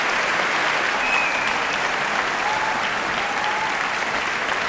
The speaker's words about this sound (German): Ja, großer Applaus für den Publikumspreisträger.